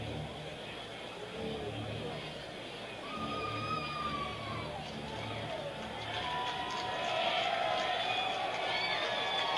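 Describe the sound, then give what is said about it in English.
A large baseball stadium crowd, trying to get riled up on a 3-2 count, gives a steady roar of murmuring voices that swells louder toward the end, with scattered whistles and shouts rising above the dense wash of noise. “Crowd trying to get riled up.”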